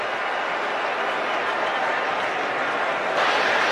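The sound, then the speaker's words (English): A dense, steady roar from a large stadium crowd at Arrowhead during a football game fills the whole stretch, loud and continuous, swelling slightly louder near the end, as the Colts offense fails to line up in time. “Well, that certainly can happen here at Arrowhead. The crowd gets going, and the Colts did not get lined up in time.”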